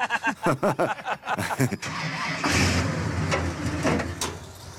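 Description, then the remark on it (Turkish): A 400 engine from a black 1967 GTO cranks in quick rhythmic bursts, then catches and roars into a loud, rough, steady rumble. “Bu 400'lük 1967 model siyah bir GTO'dan çıkma motor.”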